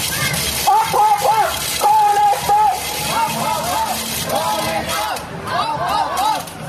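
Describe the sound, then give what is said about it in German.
A protest crowd marches past in the rain, chanting and shouting together in loud, rising and falling voices, while a woman with a megaphone at the edge of the crowd calls out to them; a steady wet hiss of rain and shuffling underneath throughout. “Es regnet und sie steht am Rand der Menschenmenge, die an ihr vorbeizieht und ruft ihnen zu.”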